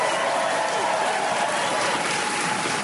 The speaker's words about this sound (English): Keep that applause going for my interpreter